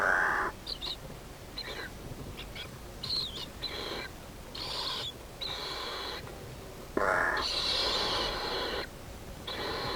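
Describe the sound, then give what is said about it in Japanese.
Harsh, raspy calls of a Lidth's jay repeat in short bursts, some loud, others softer, over a steady background hiss with no talking. “ルリカケスです。”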